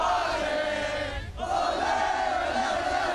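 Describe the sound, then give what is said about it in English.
A crowd of about 8,000 Socceroos supporters at Brisbane's World Cup live site in the South Bank Cultural Forecourt roars and cheers continuously while watching a midday World Cup match, a dense, loud wall of voices that dips briefly about halfway through before surging back with sustained chanting tones. “A crowd of about 8,000 Socceroos supporters were packed into the South Bank Cultural Forecourt for the midday game.”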